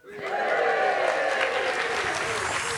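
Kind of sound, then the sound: crowd, audience applauding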